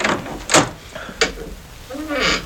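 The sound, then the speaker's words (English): A door at the top of many steps is unlocked with a key and opened: two sharp mechanical clacks of the lock, then a soft creaking swing as the door moves. “You may open the door.”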